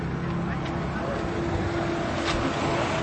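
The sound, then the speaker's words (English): A bus pulls in with a steady, low diesel rumble and droning engine hum, continuous, with faint crowd murmur in the background, as more people get off it to join a queue. “There's a bus arriving, and even more people are getting off to join the queue.”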